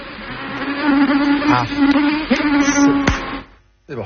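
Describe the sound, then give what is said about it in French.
A mosquito on the Côte d'Azur whines, a thin steady buzz with a wavering pitch that rises and dips for about three seconds before cutting out abruptly, followed by a brief swish. “Bien joué, les moustiques sont de retour sur la Côte d'Azur et à Antibes, ça stresse un peu plus qu'ailleurs puisque le quartier Saint-Claude était touché par un gros foyer de chikungunya, 150 cas au plus fort de l'épidémie l'an dernier.”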